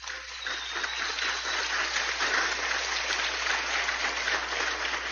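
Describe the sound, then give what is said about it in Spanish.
A crowd claps loudly and steadily, a dense, continuous wash of hand claps lasting the whole stretch with no voices on top. “Y yo quiero que se reiteren este fuerte aplauso.”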